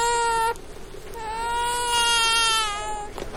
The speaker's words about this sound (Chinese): 不哭不哭，哦哦哦哦哦哦，宝宝不哭不哭，你要什么呀？你要什么？